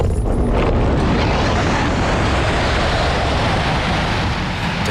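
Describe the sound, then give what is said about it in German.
A two-seat glider is winch-launched steeply into the sky, pulled by a tightening tow cable: a loud, steady rush of wind and deep rumbling roar fills the whole stretch, unbroken, with no voices. “Das Zugseil vor dem Flieger wird straff und zieht uns steil in den Himmel.”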